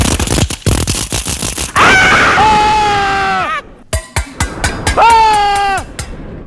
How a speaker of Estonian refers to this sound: Sellel ajal tuleks siis erilist tähelepanu pöörata ümbruses kosvatele helidele, nagu näiteks metallikriigin, kolinad, kriuksumised, kriiskavatele helidele, näiteks nagu sellistele.